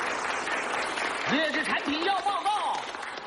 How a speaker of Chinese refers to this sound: 长时间鼓掌。